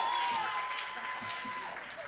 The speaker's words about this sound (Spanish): Un fuerte aplauso para nuestro tercer grupo de improvisación.